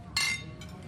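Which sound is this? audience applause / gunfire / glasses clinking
glasses clinking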